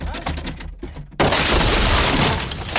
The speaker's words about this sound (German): Junge, Junge! Sie haben die Tür eingetreten.